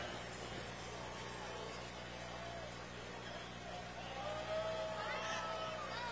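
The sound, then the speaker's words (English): A McCormick Farmall H tractor with a wide front end runs at a steady, low, throbbing idle for several seconds, its droning hum holding constant, with faint background voices and a brief higher whine near the end. “McCormick Farmall H tractor.”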